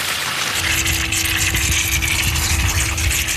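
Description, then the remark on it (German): Water sprays out of a hydrant opened in the middle, with its side outlet opened slightly to ease the pressure, in a steady, loud rushing hiss that holds unchanged throughout, with a constant low mechanical hum running beneath it and no voices. “In der Mitte auf, jetzt spritzt das Wasser raus hier.”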